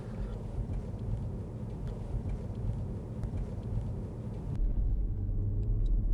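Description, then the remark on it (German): Steady low rumble of a car driving along, heard from inside the vehicle with continuous road and engine noise, as it drives through a traffic light that has just turned green; around the end the hiss fades, leaving a deeper drone. No one speaks. “Hier in 28 Metern kommt die Ampel. Jetzt haben wir sie überfahren.”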